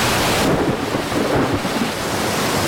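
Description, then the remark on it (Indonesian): A loud, steady storm roar fills the whole clip, deep rumbling thunder under a dense rush of rain and wind, unbroken, with no voices; a sudden storm striking a boat, with water coming into it. “Hei, ada apa ini? Mengapa tiba-tiba ada badai?”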